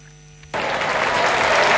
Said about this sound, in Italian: Sentite l'applauso del foro italico per Stefan Edberg e anche per Fiorello, che è appena arrivato per un momento molto importante di questa partita tra Lorenzo Musetti e Francisco Cerundolo, con il numero 2 azzurro sul campo centrale